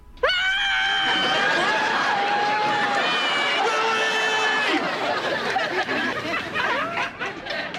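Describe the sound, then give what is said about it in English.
Several people outside scream at once, long piercing overlapping cries with a crowd-like din underneath, loud and sustained for the whole stretch, some voices rising and falling. “What's going on out there? Nothing. Just screaming.”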